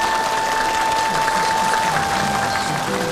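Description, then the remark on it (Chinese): Sustained applause from a large audience at a live event, a steady dense clatter of clapping at a fairly loud, even level, with a faint tonal hum running underneath. “政委，你的父亲是个英雄，今天的掌声都是属于他的。”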